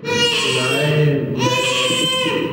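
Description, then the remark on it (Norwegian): Newborn Prince Haakon Magnus of Norway screams, two loud, sustained wails separated by a brief catch of breath, with no one talking over it. “Så sette han i å skrike.”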